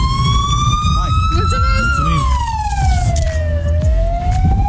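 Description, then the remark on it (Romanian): An ambulance siren wails loudly and steadily, its pitch sliding slowly up and down as it passes, with traffic rumble and faint voices underneath. “Și ambulanța își face treaba, normal.”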